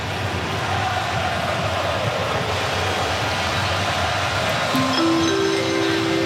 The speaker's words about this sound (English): The chimes again. Because they're showing the video now, the video board. There you go. It feels like being in an airport or something like that when those chimes play. That's new.